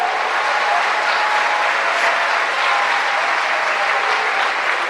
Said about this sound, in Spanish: ¿Cuánto le dan un aplauso a ese Dios maravilloso?